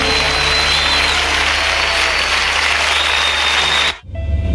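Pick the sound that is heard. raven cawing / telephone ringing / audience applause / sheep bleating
audience applause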